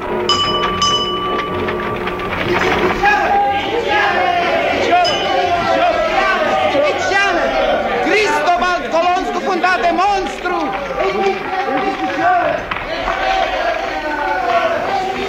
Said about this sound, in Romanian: Mulțimea se îmbulzește în jurul vânzătorului de ziare. Ce-or fi discutând cu atâta aprindere?